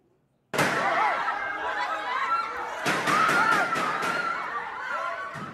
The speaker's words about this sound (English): Hours before De La Rosa's escape was reported, gunshots rang out in the corridors of the building, causing chaos.